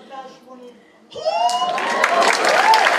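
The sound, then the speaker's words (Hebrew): After a brief spoken moment, a crowd erupts into loud, sustained applause mixed with cheers and shouting, building steadily and continuing to the end. “איפה כפיים? יותר כפיים”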